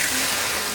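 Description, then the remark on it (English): A steady rush of water being poured to douse flames, broad and hissing, continuing evenly without pause and with no voices. “So douse your flames, keep your vehicles maintained, and let's fight wildfire together.”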